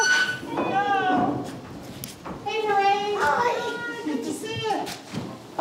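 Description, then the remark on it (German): Donkeys at a donkey sanctuary bray in loud, drawn-out calls, two long harmonic bursts with a rising and falling pitch, over a busy background of animal noise and murmuring voices. “Willkommen im Eselparadies.”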